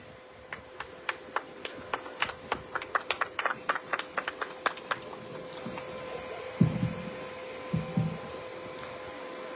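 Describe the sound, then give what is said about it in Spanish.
Scattered audience applause at a public event in Parinacochas province for the provincial mayor, a run of distinct individual claps for about five seconds before thinning out, over a steady electrical hum from a sound system, with a couple of dull low thumps near the end. “Fuerte las palmas, por favor, para nuestro alcalde provincial.”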